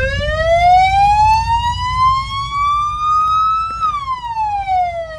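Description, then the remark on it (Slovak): A single fire engine's siren wails loud, its tone climbing slowly then dropping away, over a low idling engine rumble, sounded at a celebration of Saint Florian, patron of firefighters, in front of the polyclinic in Liptovský Hrádok. “Tak toto budete počuť len jedno auto ako trúbi.”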